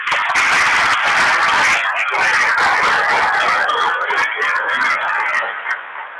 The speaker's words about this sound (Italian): Allora, chi sono i bambini che hanno partecipato al Cresco? Tirano sulle mani. Almeno li vediamo, vi facciamo un applauso.